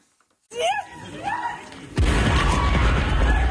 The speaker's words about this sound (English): Passengers run away from an explosion that destroyed a train in the far west of Ukraine.